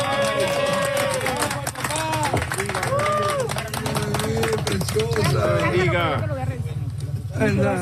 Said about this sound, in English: Applause as rescuers pulled a newborn baby out of the debris a few days ago. Videos show the baby wrapped in a pink blanket, eyes wide open, being handed to what appears to be their father.